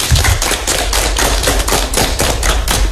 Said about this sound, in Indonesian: Oke, pintar sekali. Tepuk tangan buat kita dulu.